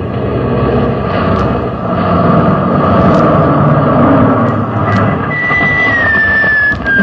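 A heavy military truck engine roars loudly, a thick steady rumble as the truck swerves across a road to block it, with a thin rising whine creeping in toward the end. No one speaks.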